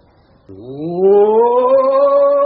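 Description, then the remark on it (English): A person lets out a long, loud mock roar as a warm-up before reciting a speech: it starts abruptly after a brief quiet moment, then swells and rises in pitch, holding steady for about two seconds. “You want me to roar? Well, of course we wish you to roar.”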